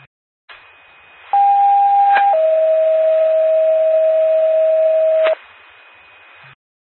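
McCoupin County ambulance dispatch pager alert tones paging Golisov and Elder Ambulance for a patient transfer: a steady higher tone for about a second, then a slightly lower, longer tone held for about three seconds, loud over faint radio hiss.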